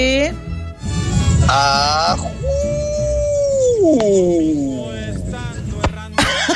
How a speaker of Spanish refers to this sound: Ahí es el lobo. Más que lobo parecía el aullido de un de una nutria.